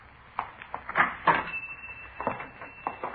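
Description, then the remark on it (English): A man unlocks a locked shop door at 4:43 p.m. and enters the shop: several sharp metallic clicks and knocks, a thin high squeak as the door swings, then a few soft thuds. No one speaks. “At 4:43 p.m., a man answering the description we'd been given unlocked the door and entered the shop.”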